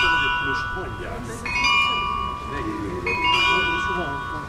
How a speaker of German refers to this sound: Genau, das ist das Glockenspiel, mit dem die Besucherinnen und Besucher zur vollen Stunde draußen vor der Tür begrüßt werden. Es wird auf dem Carillon gespielt.